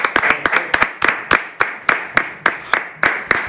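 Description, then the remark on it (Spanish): A small group clapping, two newsroom interns applauding on a programme's set, sharp handclaps in a quick, slightly uneven rhythm, some overlapping in pairs, steady throughout with no voices. “Y ahí me he traído dos becarios de la redacción que están aquí solo para aplaudir cuando yo salga.”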